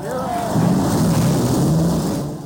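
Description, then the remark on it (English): Race car engines at the Indianapolis Motor Speedway roar to life together on the command to start engines, a loud, steady rumble with a brief rising whine at the start, without any talking. “This is the Indianapolis Motor Speedway Radio Network. Ladies and gentlemen, start your engine.”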